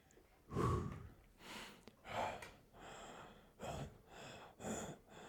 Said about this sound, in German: Wieso schnaufst du jetzt so? Du schnaufst und sitzt dann gar nicht in deinem Radl.